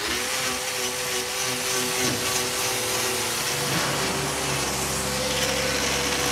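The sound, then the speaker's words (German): A standard angle grinder fitted with a special hoof-trimming disc whines steadily and loudly for several seconds as it trims cow hooves, its motor hum and abrasive grinding holding even with a slight shift in pitch partway through. No one speaks. “Das ist ein normaler Flex, aber die Scheibe die ist speziell für Klauenpfleger.”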